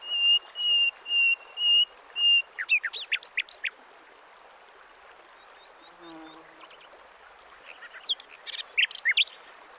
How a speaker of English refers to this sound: Concealed between the branches, a nightingale.